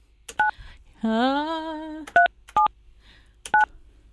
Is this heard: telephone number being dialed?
yes